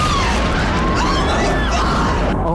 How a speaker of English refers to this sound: The building's exploding right now. You got people running up the street. Right. Oh, my God. Another plane has just hit. Explosion.